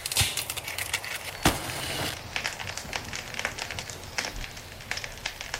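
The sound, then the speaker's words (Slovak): A fire is lit and catches, crackling with irregular sharp pops and one loud snap early on over a steady rushing hiss. No one speaks. “Ja ten oheň rozložím.”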